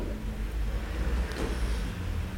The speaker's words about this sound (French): Passe un camion Solvay.